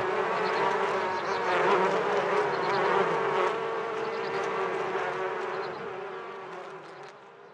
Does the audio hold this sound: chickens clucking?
no